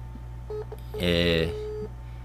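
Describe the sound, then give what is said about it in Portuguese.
A short electronic dialing tone from a phone placing a video call, a single steady half-second burst with a few faint beeps around it, over a low constant background hum. “Deixa eu procurar aqui o telefone do nego aqui. Fazer uma chamada aqui.”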